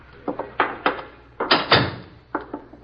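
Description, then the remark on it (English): A door being opened: a quick series of sharp clunks and rattles from the latch and frame, with a heavier thump midway, and no voices. “Get the door.”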